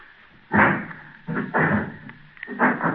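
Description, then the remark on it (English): A front door opens and shuts amid a few dull knocking bumps spaced about a second apart, moderately loud, with no voices. “Oh, listen. Listen. Huh? The front door.”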